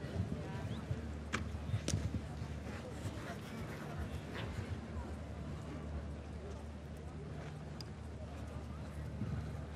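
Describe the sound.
A show-jumping pole knocks down with a sharp wooden clatter as a show-jumping horse sired by Kidam de Revelle jumps, followed by steady thudding hoofbeats over a low, constant background rumble with faint voices.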